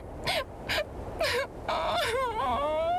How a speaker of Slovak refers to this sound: Keď nabrala nových síl na cestu, košíka nikde nebolo. Hľadala ho pri strome, na strome, pod stromom, no márne. Zúfalo sa rozplakala.